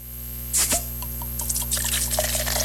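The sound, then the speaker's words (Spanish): A caguama beer bottle is opened: a quick pop and sharp hiss of escaping gas, followed by a second or so of soft, crackling fizz, all over a steady low electrical hum. “Deja destapo una. Y luego se escucha así, bien rico.”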